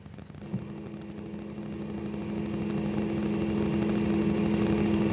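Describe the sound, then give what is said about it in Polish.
A tape recorder runs blank leader tape: a steady low motor hum with a constant hiss, starting with a soft click and swelling slightly louder over several seconds, with no voices. “Przez moment, proszę Państwa, nic nie mówiłem, bo chciałem zobaczyć, chciałem, żeby przeszła rozbiegówka.”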